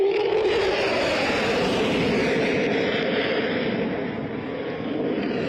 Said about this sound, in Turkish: Ve işte bu ışık gösterisi, bir taraftan da uçaktan çıkan dumanlar ve bu manevrayla birlikte o yüksek irtifayı gerçekleştiren pilot buradaki izleyicilerden de büyük alkış alıyor.